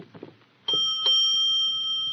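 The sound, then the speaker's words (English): A hotel doorbell in San Diego rings with two bright chimes, a ding and then a dong, whose clear tones linger and slowly fade. Brief faint shuffling comes just before it. “Shall we ring the bell?”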